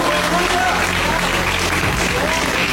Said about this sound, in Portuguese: E a igreja pode glorificar com mais palmas pra Jesus.